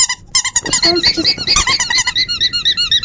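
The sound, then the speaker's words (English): A squeaky toy is squeezed over and over in quick, uneven bursts, loud, its shrill honking squeaks running through the whole moment with a bit of voice murmuring underneath. “Remember I've got the squeaky?”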